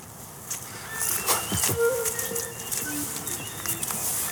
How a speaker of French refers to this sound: On entend le cri de la mésange derrière. Bon, là, il n'y a pas encore beaucoup de chants, mais... Mais c'est plutôt des cris.